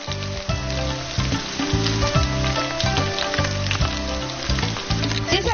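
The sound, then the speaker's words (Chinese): Chopped, blanched pork trotter pieces sizzle steadily as they pan-fry in hot oil previously used to fry yellow ginger, turning golden; a dense, crackling hiss that runs throughout, with a low continuous tonal hum layered underneath and no voices. “猪蹄切块，焯去血沫，再用炸过黄姜的油煎猪蹄块，经过油煎的猪蹄块颜色更加金黄，肉香更加浓郁。”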